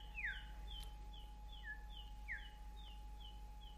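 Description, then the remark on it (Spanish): Thin, high-pitched peeps from a small chick being given rice to eat repeat in a quick, uneven series, with a few brighter downward chirps mixed in. The sound is faint and heard alone over a low steady hum. “Y arroz para el pollito.”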